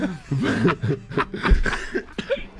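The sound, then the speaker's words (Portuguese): An old man chuckles and snickers in short voiced bursts, then breaks into a few harsh coughs that interrupt the laughter, fairly loud. “Depois da risada, veio a tosse do velho.”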